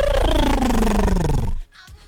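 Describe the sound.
A person imitates a goose for World Goose Day with one loud, drawn-out nasal call that slides steadily downward in pitch for about a second and a half, then stops abruptly into near quiet.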